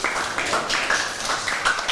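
A class claps together for group 3 in a steady, dense burst of applause that holds at an even loudness for the whole two seconds, with no voices over it.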